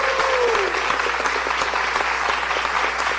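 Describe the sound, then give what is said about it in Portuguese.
A standing crowd applauds steadily, a dense, continuous wash of many hands clapping at an even loudness throughout, with no voices standing out. “E continua aplaudindo.”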